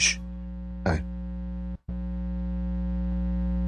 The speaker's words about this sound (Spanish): ¿Escuchan el aire acondicionado? Sí, sí lo escucho.